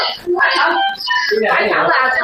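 A newborn baby cries loudly and close by, with strained, high wailing bursts that break briefly between breaths and then carry on without letting up.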